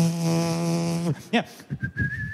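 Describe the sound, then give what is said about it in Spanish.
A long steady tone gives way to a brief, thin whistle that rises and holds near the end, with some voice-like sounds around it. The whistling is short and moderately loud rather than a full melody. “¿Has visto a alguien silbando mientras trabaja?”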